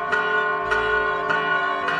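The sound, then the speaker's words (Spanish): Church bells ring out at noon, calling to prayer, in the village of Rocca Pollina near Cascia, province of Perugia, in a steady, even rhythm, about four strikes in two seconds, each peal blending into a rich, lingering resonant hum. No voices are heard. “ya es mediodía y las campanas nos invitan a nuestras labores para hacer oración recordando cuando el ángel le anunció a la Virgen que era la elegida para ser la madre del Mesías.”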